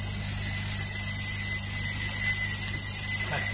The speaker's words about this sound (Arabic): شو هذا؟ تليفون؟ لا مش تليفون. هذا منبه بالعرزال عند درويش فوق.